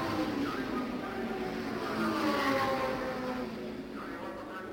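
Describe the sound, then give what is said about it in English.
Race car engines roar in a steady, broad drone, with faint rising and falling engine whines as cars pass, including Al Unser's car number one and Pete Revson's number 86 battling on the track, and the loudness swells slightly midway before easing off. “Well, we'll take a look, and when they come by here, we'll swing around the track for one lap and see how that battle is coming.”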